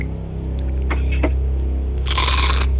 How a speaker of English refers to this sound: stuffs his gut full of chips right now.